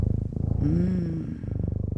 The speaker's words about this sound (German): oh, das ist schon sehr beruhigend hier, dieses Schnurren im Hintergrund. Kann man das nochmal ein bisschen lauter haben, Clemens, in der Technik? Oh ja.